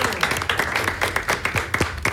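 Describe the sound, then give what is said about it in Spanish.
A crowd applauds a group of performers after their performance, a dense patter of many hands with sharper individual claps standing out, sustained and fairly loud throughout. “Felicitaciones para todos ustedes y un aplauso bien fuerte.”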